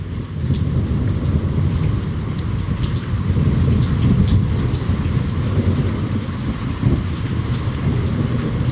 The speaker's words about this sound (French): On peut écouter le son de la première pluie de l'année et de l'orage à Ouidou.